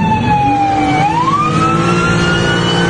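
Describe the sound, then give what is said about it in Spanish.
A loud ambulance siren wails continuously, its pitch dipping and then climbing again, over a low engine rumble with no voices; the ambulance has lost a tire and can no longer move forward. “Aquí el momento en que esta ambulancia, ya sin una llanta, ya no puede avanzar, y el motociclista le pide que descienda a este conductor.”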